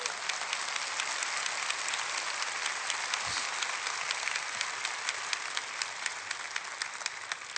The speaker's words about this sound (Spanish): Dale un fuerte aplauso a tu papá.